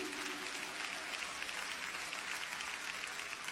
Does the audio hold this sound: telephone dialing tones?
no